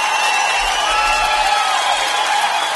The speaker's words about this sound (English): I did my first 10K run. I'm giving myself a big cheers and a clap there. Thank you very much, folks.